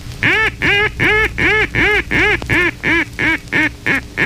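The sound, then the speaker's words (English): A duck call blown in a greeting call sequence, used for ducks at distances up to 500 yards: about ten loud, nasal quacks in an even rhythm, growing slightly shorter and quicker toward the end, with no voices. “The second basic call is a greeting call.”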